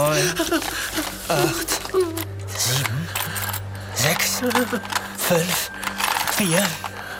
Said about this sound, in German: So, ich muss nur schnell die Schatulle aufschließen.